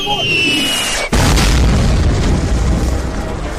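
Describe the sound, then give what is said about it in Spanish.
A brief whistling tone gives way to a sudden, loud cannon-blast sound effect, followed by a sustained roaring rumble that stays powerful to the end. “Voy con otro cañonazo, voy con otro clásico, voy con otro artista.”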